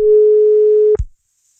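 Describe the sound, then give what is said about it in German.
A single steady telephone ringing tone sounds for about a second during an outgoing callback, then cuts off abruptly with a low click or thump as the line drops. No one speaks. “Naja, jetzt klingelt es auch nicht mehr.”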